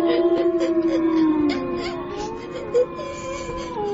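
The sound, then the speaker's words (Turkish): Several wolves coming toward a cave give long, wavering howls that overlap, their pitches sliding up and down in a steady chorus at moderate volume. No one speaks. “Dede, kurtlar mağaraya doğru geliyor.”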